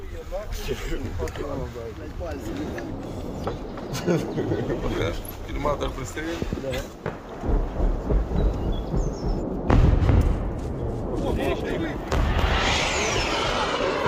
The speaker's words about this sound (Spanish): Misiles de crucero, son cohetes. Maldita sea. Se acerca cada vez más.